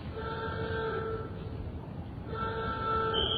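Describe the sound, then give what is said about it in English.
A loud warning alarm sounds before a factory chimney is blasted, blaring in two long, steady blasts separated by a brief dip, its harsh, chord-like horn tone riding over a low rumble. No one speaks. “Sound the alarm.”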